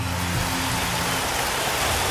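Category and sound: crowd, loud applause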